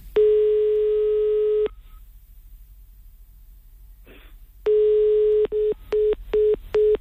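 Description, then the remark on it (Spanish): A telephone ringing tone plays over the line as a call is placed: a steady electronic beep of about a second and a half, a quiet gap, then another long tone followed by four quick short beeps. “Ahí está, dando tono.”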